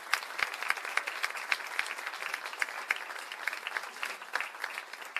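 An audience at the Casa do Choro applauds steadily for the sound technician, a dense patter of many hands clapping at once, sustained at an even level for several seconds with no voices standing out.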